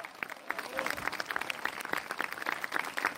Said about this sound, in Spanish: Dele fuerte ese aplauso.